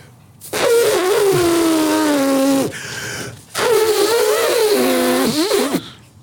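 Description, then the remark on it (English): A person imitates an elephant with two long, loud, nasal wailing calls separated by a short pause, each holding a high pitch that sags slightly and wobbles near the end. “I don't know how to make an elephant sound impressive”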